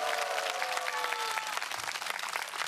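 A crowd in Daejeon applauds steadily, dense overlapping claps forming a continuous wash of sound, with a faint tonal whistle or cheer briefly riding above it early on.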